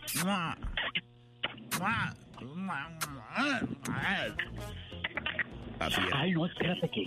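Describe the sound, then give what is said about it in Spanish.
Loud, exaggerated smooching noises of two people sending each other kisses, a few sharp lip smacks scattered among warbling, playful vocal sounds over about seven seconds. “Así era como se besaban como locos”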